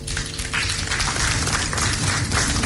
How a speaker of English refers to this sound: It requires governments, regulators, financial institutions, fintechs, telcos, development partners, the media, Joy FM, and I think you also deserve a round of applause.